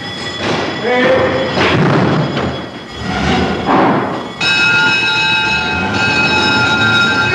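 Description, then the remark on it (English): Fire engines roar off to a fire after the fire alarm bell sounds, with loud, rumbling engine noise, then a blaring, steady horn sounds continuously for the last few seconds, with only a brief break partway through, amid clanging bells. “And away they go, horns and bells a-clamour, to fight man's oldest enemy, fire.”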